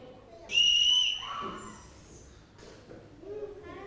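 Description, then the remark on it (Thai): One loud, shrill blast from a blown whistle lasting about half a second rings out, followed by quieter voices talking in the background. “เสียงอะไรเอ่ยเสียงเป่านกหวีดเสียงเป็นยังไงเสียงเป่านกหวีดเสียงเป็นยังไงคะคุณลักษณะของเสียงเป็นยังไงเสียงสูงแล้วก็เสียงดังด้วยใช่ไหมคะเสียงสูงไหมคะนกหวีดสูง”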